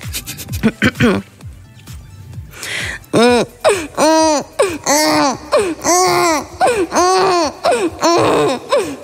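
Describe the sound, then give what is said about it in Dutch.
A woman imitates a baby with half an M&M in her mouth, with wavering babbling and repeated high, arching wail-like cries in a steady series, loud, with a short stretch of talk at the start. “Maar ze kan heel goed een baby nadoen.”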